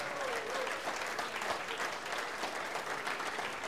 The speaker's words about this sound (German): Ich denke mal, unsere Gäste haben sich einen großen Applaus verdient. Dankeschön fürs Dasein.